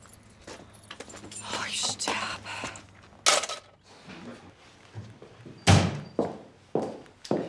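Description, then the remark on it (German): Keys jingle, then the door of a home, which does not close by itself, is pushed shut with a loud thunk, followed by a few shorter knocks and rattles as it settles, with faint voices murmuring underneath. “Die geht nicht von allein zu.”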